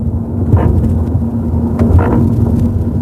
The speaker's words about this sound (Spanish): Es lo que oímos en el interior de nuestros coches al cruzar una junta de dilatación y en nuestro país casi todos los puentes lo incluyen.